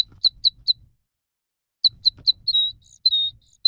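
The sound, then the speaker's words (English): Red crossbill calls: a quick run of three sharp, high chips, a pause, then three more followed by a couple of longer, slurred call notes, clear with no talking. “we're talking about unusual birds turning up here in the valley, and red crossbills are being seen in several locations.”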